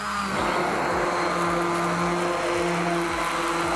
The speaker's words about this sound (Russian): Я довела суп до однородной консистенции и теперь добавляю в него сливки. И также еще раз блендерю.